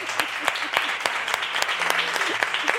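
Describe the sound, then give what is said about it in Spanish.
Steady crowd applause closing a radio program's show, with many overlapping hand claps, a dense continuous patter broken by sharper individual claps, fairly loud throughout and with no speech. “Bueno, pues como habéis visto al final del vídeo con este aplauso, quiero despedir el programa de hoy.”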